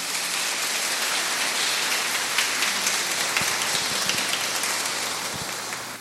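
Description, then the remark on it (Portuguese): A steady round of applause from a crowd welcoming a newcomer to their community, dense overlapping claps forming a continuous crackling wash that holds for several seconds and eases off slightly at the end, with no voices. “Como forma de acolhido, uma salva de palmas.”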